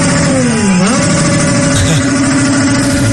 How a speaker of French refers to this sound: Ça, c'est des voitures. Tous les supporters mexicains se sont passés le mot, ils se sont dit, là, les joueurs équatoriens, ils dorment là. On va en bas de chez eux, on fait ça toute la nuit.